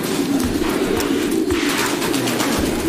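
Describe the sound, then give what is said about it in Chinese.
Pigeons coo in low, throaty murmurs that overlap continuously, with a busy flutter of wings and scuffling, as artificially paired male and female pigeons are kept together and may fight. “把鸽子人工配对，没有了恋爱过程，一言不合，他们可就要一决雌雄了。”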